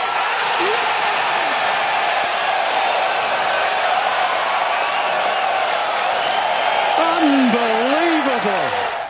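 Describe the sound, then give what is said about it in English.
A large golf crowd roars and cheers steadily after Aaron Rye's 70-foot putt at the 17th hole of a tournament, a dense wall of noise, with voices rising in excited whoops near the end. “I thought you weren't supposed to cheer in golf.”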